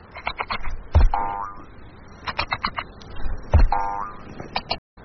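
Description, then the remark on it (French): A kangaroo coughing: two matching bouts of rapid, rasping clicks and grunts, each with a deeper, louder hacking burst, repeated a few seconds apart with no talking. “Écoute, on dit que le kangourou tousse.”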